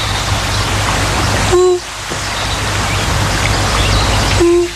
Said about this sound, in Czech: Víte, jinde ty žáby tak nepříjemně kvákají, ale tady dělají jenom.